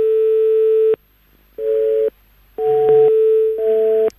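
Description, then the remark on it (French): A loud telephone busy signal: a steady electronic tone that switches on and off in repeated bursts, with a slightly buzzy, layered quality and no voices. “Apparemment, c'est la nouvelle sonnerie, comme quoi vous êtes occupé.”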